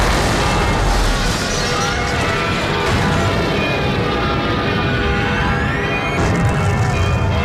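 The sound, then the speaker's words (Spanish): Bombs dropped by a lone German plane, six 10-kilo bombs on the centre of Guernica, explode in a continuous, loud roar of booms and crashing debris, with faint descending whistles sliding down through the din and no voices present. “Un solitario avión alemán arrojaba 6 bombas de 10 kilos en pleno centro.”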